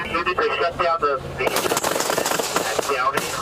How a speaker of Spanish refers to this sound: Según la policía de Los Ángeles, el conductor de un BMW reportado como robado chocó contra una patrulla y luego abrió fuego contra los oficiales tras salir del vehículo. La policía respondió a los disparos